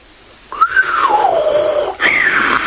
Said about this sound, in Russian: Свистнул джинн.